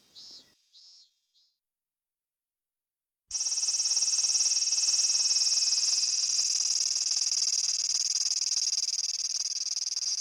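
Minminzemi (minmin cicada) song, which seems to repeat 'min, min, min': three short, high-pitched chirps, a brief pause, then a loud, shrill, sustained drone that continues steadily to the end, with no voices.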